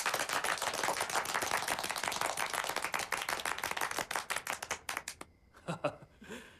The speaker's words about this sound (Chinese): 现在开会，首先欢迎地空导弹二营四营的同志们。这掌声不那么热烈吗？再欢迎一次。